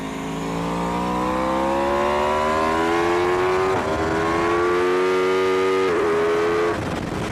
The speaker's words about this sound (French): Quel bruit, c'est génial le V4. Parce que oui, cet Aprilia, sa particularité c'est son moteur V4.